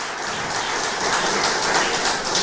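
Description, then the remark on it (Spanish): An audience applauds for Jesus Christ, a dense, steady wash of many hands clapping at an even, fairly loud level for the whole stretch, with no voices over it. “Dele un fuerte aplauso al Rey de Reyes y Señor de Señores, Jesucristo.”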